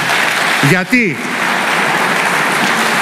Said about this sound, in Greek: Του αξίζει ένα μεγάλο χειροκρότημα.